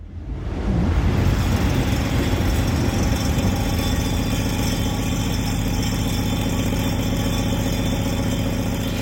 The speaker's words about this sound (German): Scheppernder Tisch heißt das Ganze, und ich glaube, wir haben da die Bahn, die da vorbei brettert, gehört.